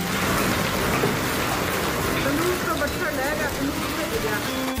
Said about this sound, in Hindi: दोपहर बाद मौसम बदला, आसमान में काले घने बादल छाए। शाम होते होते तेज हवाओं के साथ बारिश शुरू हुई, जमकर ओले भी गिरे।